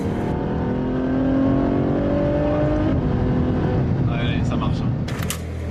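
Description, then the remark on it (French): The V12 engine of a Ferrari F12 Berlinetta tuned by Novitec, with a huge aftermarket exhaust, roars loudly at the 500 Ferrari contre le cancer event, pitch climbing steadily as it revs up, then settling into a rough, throaty rumble with sharp crackles near the end. “Mais il y a surtout un énorme échappement qui fait hurler son V12.”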